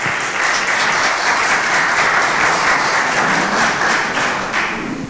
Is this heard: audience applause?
yes